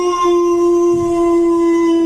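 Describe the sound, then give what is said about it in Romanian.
A man imitates a dog with one long, steady howl, held at an even pitch for about two seconds, loud with no other voices. “Hau!”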